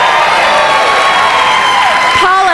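A loud burst of studio audience applause and cheering on the show Wait Wait Don't Tell Me, for a contestant's profession as a radiation oncology nurse, dense and sustained, with whoops and shouts rising near the end as the noise starts to fade.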